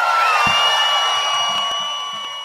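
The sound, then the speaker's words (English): A crowd cheers loudly and steadily, with high whoops and shrill calls riding over the roar, which stays full for the whole stretch and only eases slightly at the end. “make some noise, people!”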